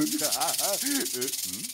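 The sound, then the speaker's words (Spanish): A loud, steady snake hiss from a snake in Sunny Patch runs for under two seconds, layered over a wavering voiced growl that rises and falls in short arcs, like a voice imitating a menacing snake. “¡Oh, serpiente!”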